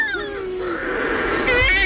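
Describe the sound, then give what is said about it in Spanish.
Shearwaters calling in the small hours in total darkness after the moon sets, as they come in to their nests: loud, wailing, cat-like cries that rise and fall, several birds overlapping in a continuous chorus, with a harsher, higher burst near the end. “Cuando se pone la luna, en la oscuridad total, cuando no hay luz, para que las gaviotas no encuentren los nidos, es cuando entran las pardelas.”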